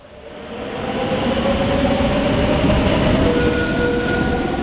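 A train rumbles steadily along the rails, swelling in the first second into a dense, continuous roar with faint metallic tones and wheel whine running through it. No voices.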